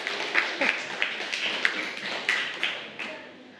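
Students in a classroom clap hands in steady, overlapping applause for a classmate's answer during a Thai language lesson, with sharp individual claps standing out from the dense patter, then fading toward the end.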